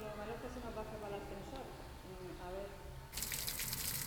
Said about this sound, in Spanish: Llueve con fuerza en Benetúser, Valencia. Las tormentas están causando ya inundaciones en calles y viviendas.